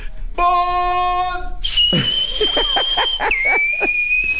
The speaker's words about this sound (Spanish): Voy a chiflar así, lo prometo, ¿eh?